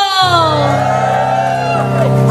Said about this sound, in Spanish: Gloria a Dios, ese grito de júbilo.